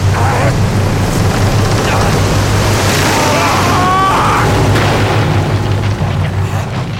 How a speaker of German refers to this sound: Apo war dem Boot im letzten Moment ausgewichen. Der Polizeikutter konnte nicht mehr wenden. Er zerschellte am felsigen Ufer von Blackwell's Island.